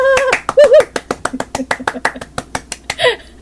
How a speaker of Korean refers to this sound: 축하합니다! 오랜만에 박수 쳐보네요. 네. 진짜 오랜만인데요.